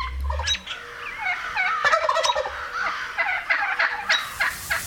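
Wild turkeys gobble in a loud, rapid, warbling rattle of calls, several overlapping bursts filling the whole stretch with no talking.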